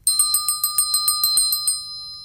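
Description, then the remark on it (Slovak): A small hand bell rings rapidly to summon the manager, about a dozen quick bright strokes in a steady shake, then its metallic tone lingers and fades. Clear, with no voices. “Nože sa načiahni tamto za zvončekom, nech privolá pána vedúceho.”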